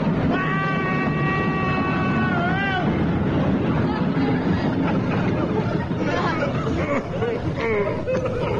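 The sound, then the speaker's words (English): A train roars past, a steady loud rumble filling the whole stretch, with a sustained whistle-like tone early on that bends away, and muffled voices underneath. “Oh, the train's coming, sir.”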